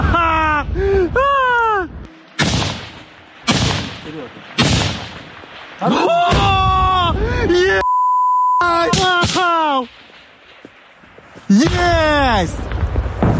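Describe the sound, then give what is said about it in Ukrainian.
Loud bursts of gunfire crack out repeatedly as Ukrainian fighters shoot down several enemy FPV drones in the air, mixed with excited shouting voices and a brief electronic beep midway. “А тут знищують у повітрі одразу декілька ворожих FPV.”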